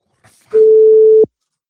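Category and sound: signal or alarm, telephone busy tone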